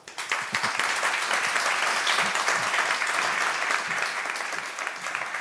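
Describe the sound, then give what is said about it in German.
A large audience applauds steadily, a dense wash of many hands clapping at once, sustained and fairly loud throughout with no voices standing out. “Ich löse das noch kurz auf, in der Hoffnung, dass ich für Sie noch einen Applaus erbeuten kann.”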